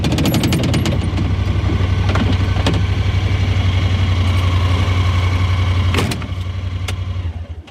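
A side-by-side utility vehicle engine idles steadily with a low, throbbing hum and faint rattles on a farm bordering the Pureora Forest Park in chilly 5-degree air, holding an even rhythm before dipping slightly near the end.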